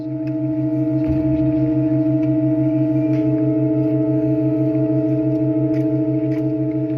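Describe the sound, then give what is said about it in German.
Steady organ tones hold throughout, with a low note pulsing in rapid beats, while a new pipe just set into a provisional wooden organ frame, with wind let into it, joins after about a second, wavering for two to three seconds before settling into a clear, sustained pitch. “Interessanterweise spricht die neue Pfeife nicht sofort an, sondern räuspert sich noch 2-3 Sekunden, bis sie präsent klingt.”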